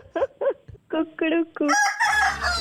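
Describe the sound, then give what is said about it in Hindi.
A short Radio Mirchi jingle for the Mirchi Murga prank-call segment, built around a rooster's crow: quick punchy vocal-like notes lead into a loud, drawn-out cock-a-doodle-doo with bright music and a low rumble underneath. “तुम रेडियो मिर्ची पे हो, तुम्हारा मुर्गा बन गया है।”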